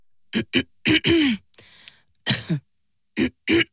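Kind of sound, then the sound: human body sound, dry cough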